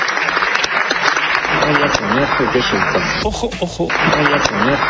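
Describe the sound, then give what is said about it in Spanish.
Steady, dense applause in a parliament for a speaker reporting on the results of the Barcelona summit, loud and continuous for the whole stretch, with his voice speaking over the clapping. “parece que no quedó muy convencido de sus propias palabras, porque cuando empiezan a aplaudirle, suelta lo siguiente.”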